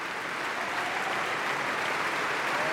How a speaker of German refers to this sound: Und jetzt bedankt sie sich auch noch mal beim Orchester und vor allem bei ihrem Solisten. Hören Sie kurz den Applaus.